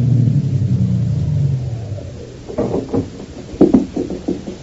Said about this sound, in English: One day, back in June of 22, a big car drove up to the only entrance. In the back seat of the limousine was William Marsden, wealthy lawyer and executor of the Greystone estate, and he had come to inspect the grounds.